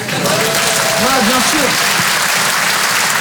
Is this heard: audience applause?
yes